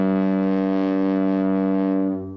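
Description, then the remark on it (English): A deep boat horn sounds one long, steady blast, rich and droning, echoing in the distance, then begins to fade away at the end. No voices are heard. “It's definitely a boat on that one.”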